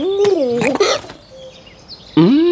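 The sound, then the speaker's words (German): A hiccuping dove: a warbling, squeaky coo broken by sharp hiccup gulps, then a brief quiet pause before one more loud, rising hic. “Aus dem Beagle wird eine hixende Taube.”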